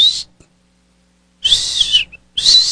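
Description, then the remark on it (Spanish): A person whistles in short, shrill bursts: a brief note, a pause, then a longer whistle and another quick one. The sound is loud, with no talking. “Era Maduro que estaba chiflando ahí de”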